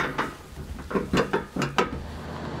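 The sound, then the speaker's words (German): A door is pushed shut with a series of sharp metallic clanks and rattles, ending in a final loud bang, with no voices. “So, zu die Tür.”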